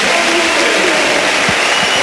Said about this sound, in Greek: Ο Μακιντάιρ φέρει το πρώτο θερμό χειροκρότημα των φίλων του Ολυμπιακού.